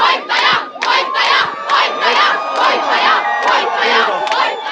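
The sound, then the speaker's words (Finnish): A large crowd cheers and chants loudly at a victory celebration at Helsinki-Vantaa Airport, Finland, welcoming home Eurovision artist Käärijä, voices surging in rhythmic bursts about twice a second, with high whistles and shouts layered over the steady roar. “Vaikka hän tuli viisuissa toiseksi, ei siis voittanut, niin esimerkiksi Helsinki-Vantaan lentokentällä oli kunnon voiton juhlat, kun hän palasi kotiin.”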